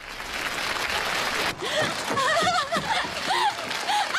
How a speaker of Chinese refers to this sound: 掌声有请小品《足疗》。